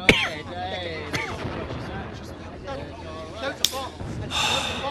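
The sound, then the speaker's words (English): Several sharp, booming blasts from Allied bombing go off at irregular intervals, one at the start and others later, over a murmur of voices and a steady low rumble. “What is it? Bombs? The Allies? It is the Allies. It is the sound of hope.”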